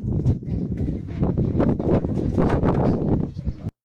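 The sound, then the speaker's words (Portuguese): Wind buffets a microphone at a bar on a windy day in a steady, loud, low rumble that roars for a few seconds without letup, then cuts off abruptly. “Isso aí, tá legal, tá na blau e o vento tá ventoso, né,”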